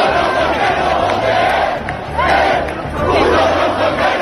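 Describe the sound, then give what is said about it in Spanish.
A crowd of protesters, many carrying Spanish flags, shouts chants at the campers in the Puerta del Sol in loud, overlapping bursts, voices rising and falling in rhythmic waves with a steady roar of many people underneath. “Esos son algunos de los gritos que hemos escuchado, también estos otros.”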